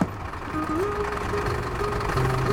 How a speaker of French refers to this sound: Le bus gémit, suffoque à chaque virage, tandis que le soleil grimpe au revers des montagnes, que le ciel s'éclaircit.